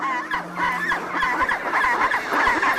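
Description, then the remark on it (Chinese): A chorus of chinstrap penguins, chicks among them, calls continuously, with overlapping harsh, honking cries and brief braying pulses rising and falling at a steady loudness. No one speaks. “帽带企鹅雏鸟也学着叫了几声。”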